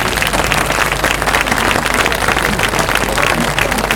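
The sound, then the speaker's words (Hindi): Dense, sustained applause from a large crowd fills an auditorium at an agricultural college in Coimbatore after a trial of new maize and sugarcane crops, many hands clapping at once in a steady, loud wash that holds for the full few seconds. “जब कोयम्बतूर के कृषि महाविद्यालय में मक्का और गन्ने की नई फसल का परीक्षण हुआ तो पूरा सभागार तालियों से गूंज उठा।”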